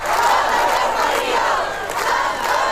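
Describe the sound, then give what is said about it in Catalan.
A large crowd of protesters, 1,000 by official figures and 2,500 by the organizers, chants and shouts together in the streets of Sóller, Mallorca, in the Serra de la Tramuntana, protesting mass tourism, a loud, dense wall of many voices that holds steady without pause throughout. “1.000 persones, segons dades oficials, 2.500, segons els organitzadors, s'han manifestat pel carrer de Sóller al cor de la Serra de la Tramuntana.”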